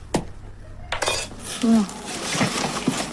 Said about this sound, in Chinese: 原本松散的盐已经凝结成了块状，只能用工具一点一点地敲打。